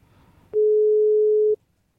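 A single steady telephone tone sounds for about a second, loud and clear, like a ringback or call signal going unanswered, with faint background noise before and after.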